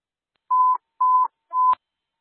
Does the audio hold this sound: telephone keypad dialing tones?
yes